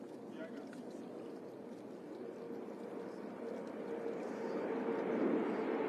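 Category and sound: vehicle, aircraft flying over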